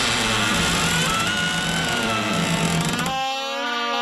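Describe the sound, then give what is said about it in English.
A garage door opener grinds along with a loud, steady mechanical drone that does not sound right; near the end the low rumble drops away, leaving a strained, whining mechanical tone. “Did you know your garage door needs to be inspected and maintained regularly?”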